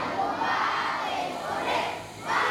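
A large group of children in Cuba sings the national anthem together to greet a caravan of Italian parliamentarians and NGO associations delivering school supplies, many voices blending into a loud, continuous, crowd-like chorus that swells and dips briefly before rising again.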